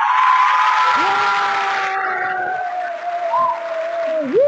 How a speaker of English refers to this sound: Hey, first time caller. Make I give you my clap.